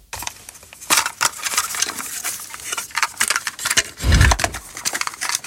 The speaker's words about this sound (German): Oh, dieses Plastikklackern. Pure Nostalgie. Der gute alte Kassettenspieler im Kinderzimmer damals oder als Walkman unterwegs.